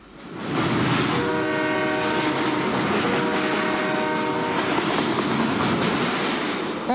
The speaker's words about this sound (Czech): Tak to zase řekneme všichni najednou. 3, 2, 1. Vlak! Zase dobře.